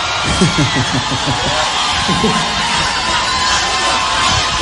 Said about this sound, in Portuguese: Dá uma salva de palmas para ele bem forte, filho.